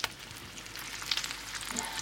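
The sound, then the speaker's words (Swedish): Valfläsk (pork) sizzling and spitting in a hot pan on a stove, a steady crackle with bright little pops scattered throughout, no voices. “Det steks valfläsk här och serveras valnötskaka.”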